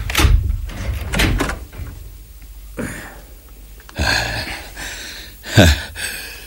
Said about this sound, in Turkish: Başkomiserim, bir kapı daha var burada. Mutlaka o kapının ardında. Şimdi ne yapacağız? Sen kapıyı aç.